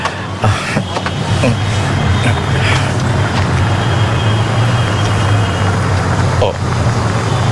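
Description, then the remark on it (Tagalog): A motor vehicle comes to rest right beside a person waiting for a taxi, its engine holding a steady, loud low rumble throughout with a few faint clicks and knocks over the idling drone. “May nagtulog na salakyan sa kilid ko.”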